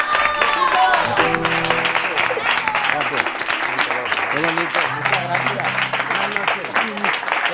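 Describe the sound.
An audience breaks into loud, sustained applause, a dense steady clatter of many hands lasting throughout, with music and voices audible underneath.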